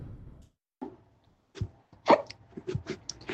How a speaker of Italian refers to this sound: Il singhiozzo!